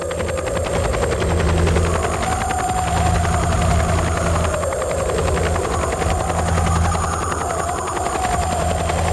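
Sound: helicopter flying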